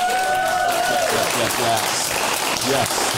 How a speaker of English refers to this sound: Let's get a round of applause for the panel.